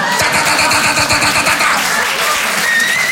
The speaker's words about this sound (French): Et au bout d'un moment, il y a un mec près des lavabos qui déclenche le souffleur à main.